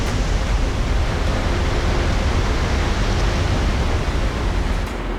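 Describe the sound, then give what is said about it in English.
A loud, steady roar of a massive amount of water ripping down into darkness below, falling 50 to 80 meters, dense and unbroken like a powerful torrent echoing in an enclosed cavern, with no pauses or voices. “It is loud in there. That is a massive amount of water, thunder like coming up from the inky blackness down below.”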